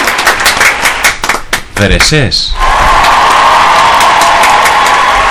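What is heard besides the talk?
audience applause and cheering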